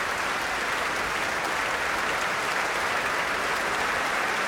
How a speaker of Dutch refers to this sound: En ook het publiek hier in Amsterdam heeft er duidelijk van genoten. Groot applaus, staande ovatie voor dirigente Eileen Chen.